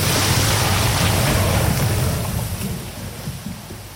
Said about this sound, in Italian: Questo è il suono prodotto da una massa di acqua e sabbia che scende lungo un canale simulando quanto successo lo scorso anno a Blatten, dove una frana ha travolto il paese e causato la morte di una persona.